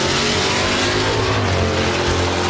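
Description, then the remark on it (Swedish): A loud, continuous engine roar from a racing car in Mantorp, Östergötland, revving steadily with a dense, harsh rumble and no pauses, dominant throughout. “Underhållande och nära, oavsett om det är ostlängsbråk i Linköping eller motorvrål i Mantorp.”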